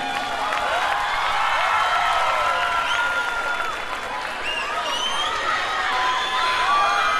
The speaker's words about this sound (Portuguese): Aplaudir, vai mais.